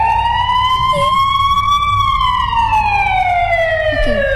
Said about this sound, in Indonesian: Kita puterin dulu ambulans ya.